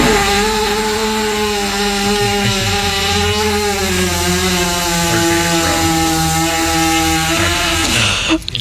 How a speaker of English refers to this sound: Well, this is a horse trainer pushing on the stomach of a horse that obviously had a gas problem.